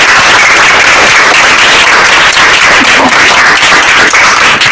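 A loud, sustained round of applause from a crowd at a quiz competition after a correct answer, dense overlapping clapping that fills the whole stretch at a steady level with no voices over it.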